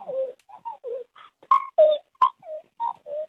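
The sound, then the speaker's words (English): A person imitates a magpie's warbling call: a quick run of about a dozen short, fluting, gurgling notes rising and falling in pitch, with no talking. “We've got a late entry of a magpie sound.”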